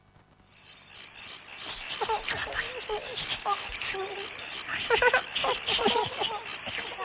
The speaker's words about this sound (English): Can you hear the crickets?